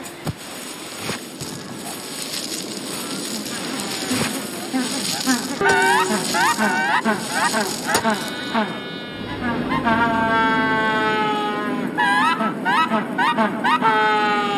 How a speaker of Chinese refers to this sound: 每对成年企鹅严格执行轮流孵卵机制，交接时的鸣叫是固定的信号系统。确保卵在任何时刻都能得到持续的体温呵护。